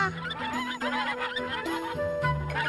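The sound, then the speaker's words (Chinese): A flock of Liancheng white ducks, a local breed of Liancheng County, Longyan, Fujian, China, raised by a local duck farmer, quacks and honks nonstop, with many loud overlapping calls and no one talking. “他养的鸭子是福建省龙岩市连城县的优良地方品种连城白鸭。”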